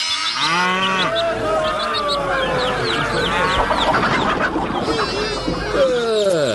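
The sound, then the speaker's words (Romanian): A busy chorus of farm animals at a market fair: cattle lowing in long rising and falling moos over steady clucking hens, with faint voices murmuring underneath, all fairly loud and continuous. “De vânzare găinușa aceea, băi, băiete.”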